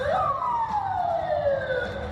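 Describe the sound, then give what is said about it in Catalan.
A loud police car siren wails in a long descending sweep over a steady rumble of traffic in a busy area near the Moscow Zoo, Russia, after an explosion at a café, with a second siren tone layered faintly above it. “So de sirenes i cotxes policials arran de la deflagració a una zona molt concorreguda a prop del Parc Zoològic de Moscou.”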